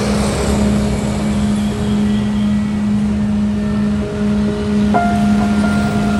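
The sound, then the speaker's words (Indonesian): An angkot minibus engine drones steadily amid loud street traffic noise, a constant low hum with a brief higher tone near the end and no talking. “Itu masih ada angkot.”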